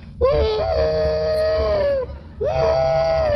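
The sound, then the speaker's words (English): Actor Andy Devine's voice imitates a train whistle with two long, loud, wailing blasts, each sliding up to a sustained high tone, separated by a brief pause. “Why, not only that, he's even the train whistle in pictures. Come on, Andy, boy, show him.”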